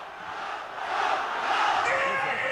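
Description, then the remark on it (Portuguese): A large crowd of Náutico football fans roars and chants in a stadium, a dense wall of cheering voices that swells louder after the first second and holds steady, celebrating a win in Série B of the Campeonato Brasileiro. “A festa da torcida do Náutico continua.”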